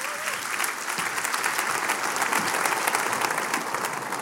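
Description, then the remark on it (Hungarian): A crowd of people claps steadily together in praise of the Lord Jesus Christ, a dense, sustained wash of applause for several seconds with no voices standing out. “Tapsoljuk meg az Úr Jézus Krisztust!”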